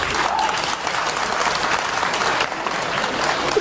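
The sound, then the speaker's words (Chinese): An audience at a Chinese crosstalk (xiangsheng) performance bursts into steady, dense applause, many hands clapping at once in a loud, continuous roar that holds its level for the full few seconds. “反正现在啊，给我鼓掌的朋友保证您回家24小时之内发财100万。”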